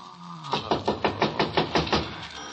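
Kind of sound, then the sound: household object, knocking on a door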